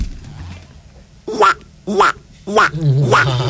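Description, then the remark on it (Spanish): A person imitates a duck during a live radio broadcast with four nasal, raspy quacks in a loose rhythm, the last one drawn out slightly longer. “Yo sé hacer un pato.”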